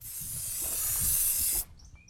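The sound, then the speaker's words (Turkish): A steady aerosol spray of starting fluid, sprayed to help start an engine, hisses continuously for about a second and a half, fairly loud, then cuts off abruptly into near silence. “Şimdi püskürtüp kolay çalıştırma evet, yapalım.”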